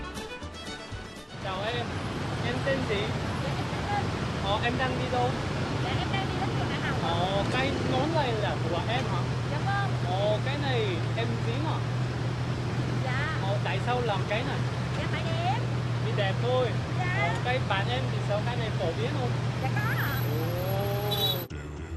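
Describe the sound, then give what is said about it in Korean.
Busy motorbike street traffic in Ho Chi Minh City, Vietnam: a steady engine drone with scooters revving up and down in overlapping waves for the whole stretch, faint voices mixed into the din. “남녀노소 할 것 없이 인구의 절반 이상이 매일 오토바이로 이동합니다.”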